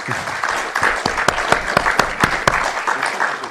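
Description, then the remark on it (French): An audience applauds four speakers at the end of an afternoon discussion, many hands clapping together in a dense, continuous wash with sharper individual claps standing out, loud throughout. “Merci à vous tous, à vous toutes et tous ici pour votre présence cet après-midi, pour la richesse de vos échanges que vous avez construits avec nos quatre intervenants, qu'on peut applaudir bien fort, je pense.”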